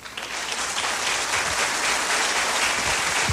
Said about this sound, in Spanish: Muchísimas gracias, pero ustedes ecuatorianos, sepan que aquí sus paisanos los tienen en el corazón y nunca se olvidaron de ustedes. Para ustedes ese aplauso.